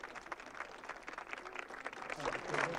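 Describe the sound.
Steady applause and scattered shouts from a crowd joyfully greeting the Pope on his arrival, dense and crackling across the whole clip, swelling slightly louder toward the end.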